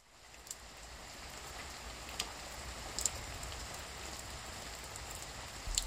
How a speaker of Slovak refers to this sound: Prší, prší. Prší, prší jednotvárne.